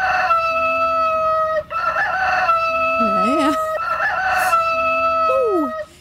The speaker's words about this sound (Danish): Den hane, der virkelig er i gang her. Og den, sådan en, den kan få folk lidt op i det røde felt.